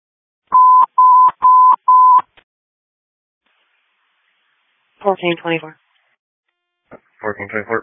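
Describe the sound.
Four loud, identical dispatch radio alert tones beep in a quick, even sequence, followed after a short pause by brief snippets of a voice speaking over the radio.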